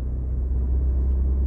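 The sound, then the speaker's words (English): A Volkswagen Golf R's engine gives a steady, deep rumble, holding an even level throughout with no revving or gear changes and no voices over it. “And I have to say, Volkswagen have definitely not made this car sound like a proper Golf R.”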